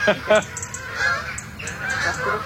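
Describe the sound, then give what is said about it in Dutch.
Several Canada geese honk in overlapping calls as a flock flies low overhead from roosting areas to feeding areas, with loud honks early on and a continuing chorus of calls. “Het zijn allemaal Canadese ganzen. Ja. Niet dat het echt trek is dit. Ze vliegen heel laag, hè?”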